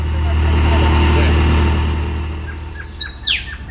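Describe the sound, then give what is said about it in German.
A loud, steady low engine drone from a moving car in the La Guajira region of northeastern Colombia fills the first half, with the driver's voice barely audible beneath it, then eases as sharp, high bird chirps break in near the end. “Beim Lärm des Motors ist er fast nicht zu verstehen.”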